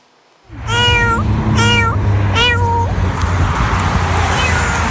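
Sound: cats meowing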